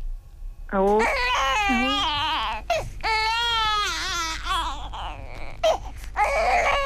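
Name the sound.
baby crying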